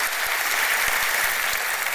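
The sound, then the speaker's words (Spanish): A crowd claps together in dense, steady applause for the Lord, a loud continuous patter of many hands with no voices rising above it. “Sí, dale el aplauso fuerte a Él.”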